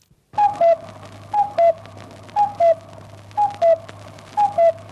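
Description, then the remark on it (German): The 'Kuckuck' air raid warning signal broadcast on a Volksempfänger radio in Vienna during the Second World War, imitating a cuckoo call: a two-note falling electronic tone repeated five times at a steady pace of about one pair per second, over a constant low hum and crackly static. “Sie mussten aufgesucht werden, wenn dieses Signal im Volksempfänger erklang, der sogenannte Kuckuck.”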